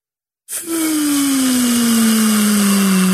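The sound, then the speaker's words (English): Air rushes out of a balloon in a loud, steady hiss, with a droning whine that slowly slides lower in pitch. It starts abruptly and continues without any talking. “That is the air being let out of the balloon.”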